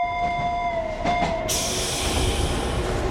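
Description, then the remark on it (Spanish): A tram pulls away from track 5 on its rails, with high, steady wheel squeal over a continuous rumble. Partway through, a sudden loud hiss of air joins in and keeps going. “El tranvía musical se encuentra en la vía 5 y se dispone a salir en breves segundos.”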